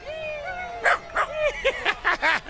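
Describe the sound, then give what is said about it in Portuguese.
A small dachshund in Times Square gives a drawn-out whine, then a quick string of about six high, sharp yips and barks, loud, with faint street bustle behind. “Gente de Israel passando e passeando pela Times Square, literalmente com um cachorrinho.”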